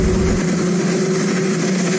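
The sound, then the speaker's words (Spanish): A steady, loud helicopter drone hums continuously for two seconds, a broad mechanical roar with a low engine tone and no voices or pauses, heard in the White House garden while Trump spoke with journalists. “Sin un cámara de televisión presente, solo se escuchaba el ruido del helicóptero de fondo mientras Trump hablaba con algunos periodistas en el jardín de la Casa Blanca.”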